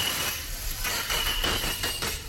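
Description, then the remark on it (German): A dentist's drill from a dentist's office beneath the Schlagerradio studio: a thin, steady high-pitched whine that runs over a constant rumbling, grinding noise for a couple of seconds, with no voices. “Das ist unter uns der Zahnarzt.”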